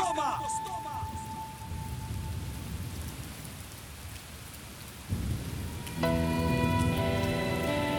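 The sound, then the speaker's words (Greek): Heavy rain pours down in a steady, dense hiss throughout, with faint tonal sounds near the start and sustained musical tones swelling in over the final couple of seconds. “Έβρεχε. Έβρεχε πολύ.”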